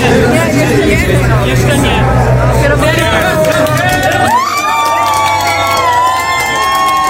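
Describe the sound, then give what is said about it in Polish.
The Inter-Europol Competition race team celebrates its class win in its pit box with loud, continuous cheering and excited shouts, overlapping voices and high whoops blending into a steady, boisterous din that holds for several seconds. “Zajrzeliśmy przez chwilę do boksu Inter-Europol Competition. Tak się cieszono ze zwycięstwa”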